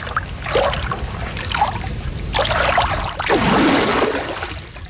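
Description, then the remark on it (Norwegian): Gentle water trickling and lapping at Nedre Blankvann, a quiet freshwater lake, with soft splashy bursts rising and falling over a few seconds and no voices. “Gikk opp til nedre blankvann og der det jo også, ja det også et vann da, et fersk vann.”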